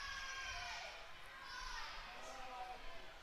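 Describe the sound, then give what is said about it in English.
A spectator in a crowd at a game screams "fight", a raised, strained voice rising over the steady roar of many people shouting and cheering for a few seconds. “I can hear someone in the crowd screaming, fight.”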